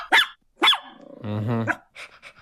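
A dog gives two sharp barks, then a drawn-out rumbling growl, followed by a few quicker, softer yips. No one speaks.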